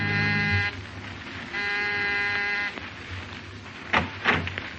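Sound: doorbell ringing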